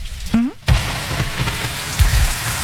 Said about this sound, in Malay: Ya hujan. Aku boleh neduh di sini dulu nggak?